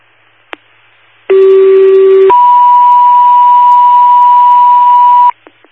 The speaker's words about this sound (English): Assisting the fire department with an automatic fire alarm.